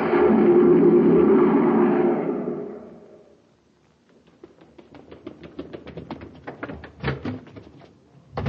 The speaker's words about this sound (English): A cyclone? Just Danny Fields rushing out the door to the grocery.